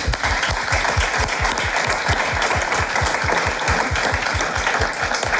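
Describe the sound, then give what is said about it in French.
A studio audience on a game show applauds steadily for a contestant who has reached the final. Dense clapping with rhythmic, in-time beats underneath, loud and sustained throughout with no voices. “Et je trouve que ça s'applaudit.”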